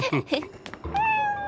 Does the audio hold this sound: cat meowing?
yes